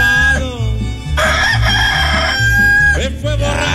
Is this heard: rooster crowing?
yes